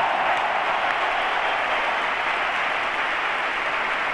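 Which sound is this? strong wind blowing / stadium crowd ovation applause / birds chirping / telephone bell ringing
stadium crowd ovation applause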